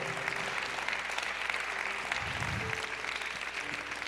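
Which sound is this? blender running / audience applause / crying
audience applause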